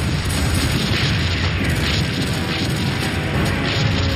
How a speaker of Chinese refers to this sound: 7月5日，德军发动了猛烈的攻势。 整个战场瞬时变成一片火海，到处都在燃烧，炮声隆隆，爆炸不断，剧烈的声响震耳欲聋。